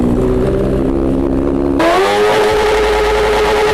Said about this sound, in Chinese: 他们拿着专业的分贝测试仪，咱们现在测试一下这辆车，就这辆改装过的摩托车，啊，它这排气管在 咱们点火拧油门的情况下能达到多少分贝？